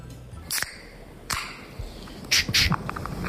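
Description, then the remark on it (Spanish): Sharp clicks and short hissing bursts, like a beer can being opened, ending in a bright double pop-and-fizz. Fairly quiet, with no voices. “Yo creo que es la lata de cerveza, pero estamos dudando porque no está aquí apuntado en estos momentos.”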